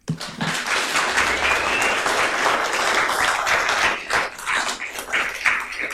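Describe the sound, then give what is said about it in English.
A crowd in a council chamber breaks into sustained applause, many hands clapping in a dense, steady wash for several seconds, with a few voices faintly mixed in. “Rules of procedure prohibit clapping in the chamber.”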